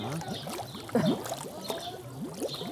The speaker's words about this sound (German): Was da blubbert, ist die von Algen verstopfte Wasserpumpe.